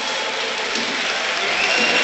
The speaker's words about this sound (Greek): Και το χειροκρότημα που ακούτε είναι για τον Ρόμαν Γιάρεμτσουκ που παίρνει τελευταίες οδηγίες από τον Χωσέ Λουίς Μεντιλίμπαρ.